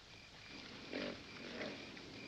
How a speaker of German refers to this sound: Nein, das ist noch nicht fett genug. Das Weiße da. Jawohl, sowas nenne ich ein Schwein.